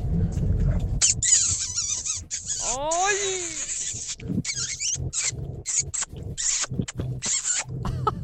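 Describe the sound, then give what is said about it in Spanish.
Loud kissing sounds, a rapid string of wet smacks and squeaky lip noises running through the whole stretch, with a brief exclaiming voice near the end. “A ver, quiero escuchar esos besitos, chiquiones.”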